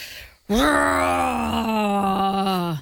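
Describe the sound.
A person imitates a yeti with one long, loud, moaning howl. It holds a steady low pitch for over two seconds, then dips slightly and cuts off.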